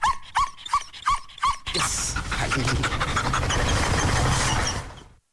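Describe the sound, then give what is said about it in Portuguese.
A GNR (Portuguese National Republican Guard) dog, Cobra Kai, licking the microphone at the radio, lets out a quick series of short whiny yips and pants, then loud, steady rustling and scraping noise takes over until it stops abruptly. “E agora está aqui a lamber o microfone, não é?”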